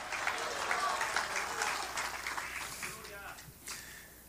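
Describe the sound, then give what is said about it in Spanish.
An audience applauds in a dense, steady wash of clapping that stays fairly loud for several seconds before thinning out, with scattered voices calling out beneath it. “Si usted lo va a dar, délo bien a Jesús.”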